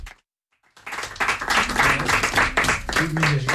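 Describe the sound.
After a brief silence, an audience breaks into steady, loud applause for a guitarist, dense clapping that keeps going, with a voice or cheer rising over it near the end.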